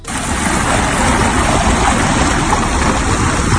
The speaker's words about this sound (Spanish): Te cuento, de manera repentina, el nivel del agua baja considerablemente. Es un fenómeno conocido por la ciencia y que se llama meteotsunami. Se suele dar todos los veranos con más o menos intensidad.